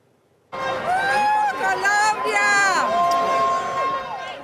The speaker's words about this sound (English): The Colombian fans dominated the crowd ahead of the last match of the tournament to be played in Canada. The sold-out game kicked off at 1 p.m., but fans started to gather early in the morning, making a lot of noise to show support for their sides.